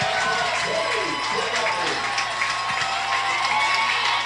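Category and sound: crowd, stadium crowd cheering loudly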